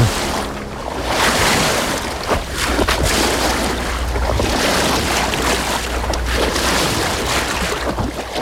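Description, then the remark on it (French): A boat moves steadily along a river through Paris in October 2025, a low continuous engine rumble beneath broad rushing and splashing water noise, fairly loud throughout with no voices. “Octobre 2025, la Filonnerie traverse Paris. Sur le pont du bateau”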